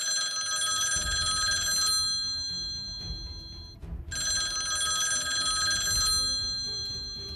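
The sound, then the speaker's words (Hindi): A telephone rings on an outgoing call in two long bursts separated by a short pause, each a bright, steady electronic trill with strong harmonic tones, fairly loud, with no voices present. “हसन ने फोन निकाला और कामरान को फोन किया।”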